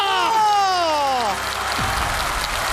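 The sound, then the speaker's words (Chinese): A steady wash of audience applause for a contestant completing a Rubik's cube challenge swells up and keeps going, a dense crackling patter, with a high sliding voice-like tone fading out over its first half. “要再来一个， 要掌声啊！ 掌声！”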